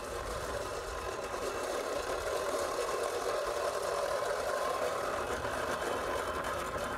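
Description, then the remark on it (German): A manual reel lawnmower with no motor whirs steadily through grass during a lawnmower noise test, a continuous mechanical clatter and swish of spinning blades at an even, fairly loud level, with no voices. “Bei diesem Modell ist zumindest die Lärmquelle Motor schon mal gar nicht vorhanden.”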